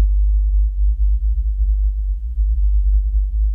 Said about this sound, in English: This whale calling out at the wrong frequency, that is a huge deal for a whale. Sound is crucial. Sound is their world.